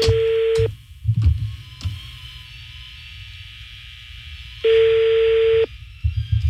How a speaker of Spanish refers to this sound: Otra vez lo estoy marcando a la agencia de viajes, Grama Traveling. Sonando el teléfono.